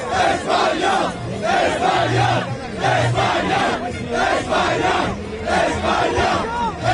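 A large crowd of Spain football fans chants and cheers loudly in the streets of New Jersey, celebrating Spain's second World Cup title, in a steady, rhythmic roar, many voices shouting together in repeated bursts with a dense wash of noise behind them.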